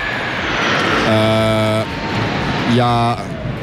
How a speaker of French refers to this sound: On est un petit peu perturbé parce qu'il y a un avion qui vient de passer au-dessus de notre tête. Évidemment, ça fait beaucoup de bruit.